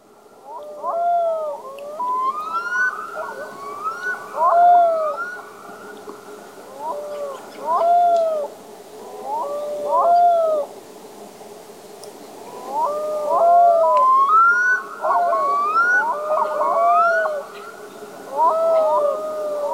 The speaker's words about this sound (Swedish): man hör ju det här karaktäristiska storlomslätet, men så är det som ett yl också. Ja, precis. Och när vi hörde det första gången så hörde vi bara det här ylandet och förstod inte riktigt vad det var.